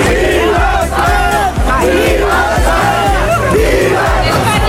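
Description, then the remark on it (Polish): A large, loud crowd celebrates Spain's 1-0 extra-time World Cup final win over Argentina, right after the final whistle in New York, shouting and chanting together in a dense, continuous roar, with a steady pounding beat running underneath throughout. “Zaraz po ostatnim gwizdku w Nowym Jorku zaczęło się wielkie świętowanie.”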